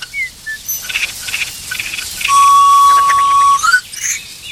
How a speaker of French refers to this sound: Pinson.